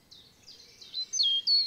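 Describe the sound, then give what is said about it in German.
Birds sing in a forest of old beech and linden trees along the treetop walk in Hainich National Park, Thuringia, a few high, warbling phrases rising and falling over a faint, quiet background, growing slightly louder toward the end of the short stretch. “Es riecht nach Wald, die Vögel singen ihr Lied, über den Köpfen rauschen die Blätter der alten Buchen und Linden.”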